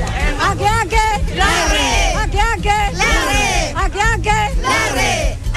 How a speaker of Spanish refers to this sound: Oye, pero parece como grito de club de deportivo.